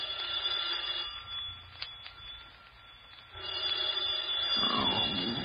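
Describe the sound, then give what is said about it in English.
A telephone bell rings steadily and continuously for several seconds, bright, with a lo-fi, slightly muffled quality and a faint low rumble underneath. “I was working on my fifth drink when the phone rang.”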